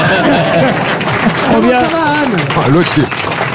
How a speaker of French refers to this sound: Anne Roumanoff, applaudissements.